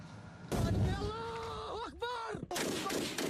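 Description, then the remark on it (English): Two heavy booming blasts of artillery fire on front lines in Yemen, during clashes between the Houthis and Yemeni government forces; the first has a deep rumbling tail, separated by a wavering, tonal voice-like wail before the second sharp boom lands. “Heavy clashes and artillery fire have returned to strategic front lines.”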